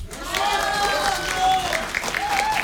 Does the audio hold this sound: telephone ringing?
no